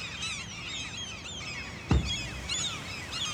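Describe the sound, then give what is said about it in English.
A dense chorus of gulls and oystercatchers calls in alarm at a falcon flown to deter nesting gulls in the grounds of Rigmore Hospital, shrill overlapping cries filling the scene continuously, with a brief dull thump partway through and no voices. “Clearly the gulls were not happy, but neither were the oyster catchers.”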